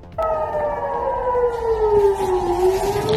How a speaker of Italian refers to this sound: Esplosioni e sirene nel nord di Israele e nel sud del Libano, a poche ore dall'annuncio da parte di Trump di una tregua tra Hezbollah e Netanyahu.